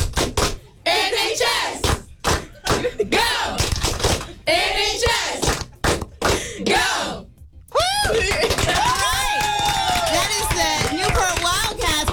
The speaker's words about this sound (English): do you want to, are you going to lead us in a quick cheer to give us a little sample of what you guys do on the sidelines?